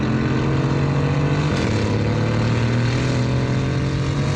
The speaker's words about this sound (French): Et le troisième, c'est le mode track. Là, c'est très énervé. Oh, là, on entend bien le V8 biturbo rugir.